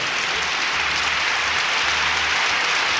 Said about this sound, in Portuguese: Mais palmas, oi, oi, oi, oi, oi.